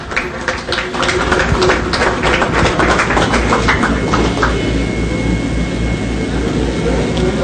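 A crowd applauds steadily, dense overlapping claps forming a loud, even wash of noise that holds for several seconds, with no speech over it.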